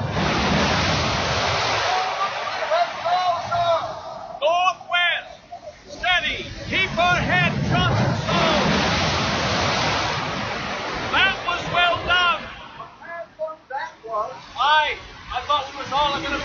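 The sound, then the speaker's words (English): A continuous roar of heavy sea water surges and crashes over a ship, loud, with muffled voices and shouts of the crew steering at the tiller faintly breaking through the churning rush. “Here comes another dreadful sea!”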